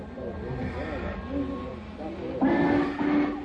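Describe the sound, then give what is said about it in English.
A passenger train to Winnetka pulls out from Track 4 amid a busy station, with indistinct voices murmuring and a louder burst of rumbling and whistle-like tones swelling in partway through. “Is that the Winnetka train?”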